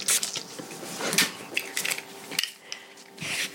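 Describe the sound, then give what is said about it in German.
Short hissing bursts of disinfectant spray onto a left upper arm, several in a row, mixed with light clicks and clattering from handled objects. Moderate in level, with no talking. “Sprühen.”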